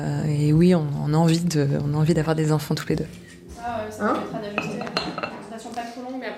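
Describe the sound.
Dishes and cutlery clink repeatedly in the small staff kitchen of a doctor's practice at lunchtime while several female employees chat, the sharp clatters scattered under the steady conversation.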